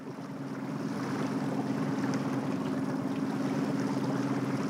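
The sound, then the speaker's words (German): An old East German (DDR) training motorboat runs steadily across harbor water toward the icebreaker Stefan Janssen, its engine a constant low droning hum layered over broad rushing and splashing of water, holding an even loudness throughout with no voices. “Der Eisbrecher sieht ganz anders aus, wenn man es mit dem DDR-Trainerboot wagt.”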